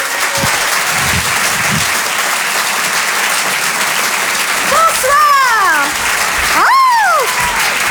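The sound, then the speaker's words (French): Loud, steady applause from a large audience at the Open du Rire comedy show, welcoming comedian Nadia Rose to the stage, with a few high whistles and whoops swooping above the dense clapping in the later seconds. “Je vous demande un tonnerre d'applaudissements, s'il vous plaît, mesdames, messieurs, pour Nadia Rose.”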